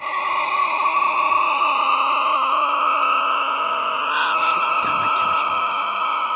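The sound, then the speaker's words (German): A Tasmanian devil in Tasmania screeches in the evening in one long, unbroken, harsh cry, loud and steady with a shrill, buzzing tone that wavers slightly in pitch over several seconds, with no talking. “Als es Abend wird, hören wir ein wildes Kreischen.”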